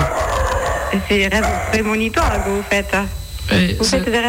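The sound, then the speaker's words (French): A dog barks in a quick series of sharp, yelping bursts, loud, with some talking and background noise mixed in. “Même votre chien, arrêtez. Mon chien, je ne peux pas l'arrêter, lui.”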